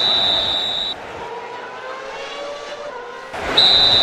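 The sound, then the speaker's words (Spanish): A referee's whistle blows twice, each a long, steady, shrill blast, with a pause of over two seconds between them over a constant background rumble. “Oh, ya escuché, pues ¿para qué me silban dos veces, hombre?”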